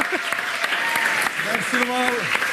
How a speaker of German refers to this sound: Wir versuchen es mit einem grossen Applaus für unseren Lieblingsjuristen